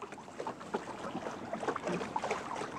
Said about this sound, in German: Das hier ist jetzt zum Beispiel traumhafter Wind, um wirklich alle Lappen hochzuziehen und mit einer schönen Reisegeschwindigkeit voranzukommen.